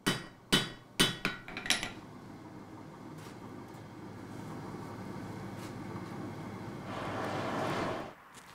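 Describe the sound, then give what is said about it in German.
A blacksmith's hammer rings on metal in a traditional, still fully functional forge at a museum: about six sharp strikes that come quicker toward the end, then a steady rushing noise takes over and swells briefly before stopping. “Im Museum gibt es auch eine traditionelle Schmiede, die noch voll funktionsfähig ist.”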